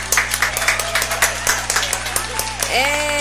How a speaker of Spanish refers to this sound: ¿Dónde están los aplausos? Aquí están.